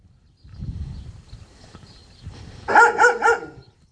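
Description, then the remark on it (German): Watchful dogs in the village of Kösseln bark three times in a quick, loud burst near the end, following a stretch of low rumbling and shuffling background noise with no one talking. “Ja, wachsame Hunde.”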